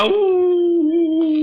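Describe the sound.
A man's voice imitates a wolf howl: one sustained, fairly steady wavering note held for over a second, loud, with no other sounds around it.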